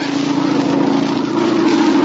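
A low propeller plane drones loudly and steadily overhead, just above the trees, its engine hum holding constant and swelling slightly toward the end, with no voices.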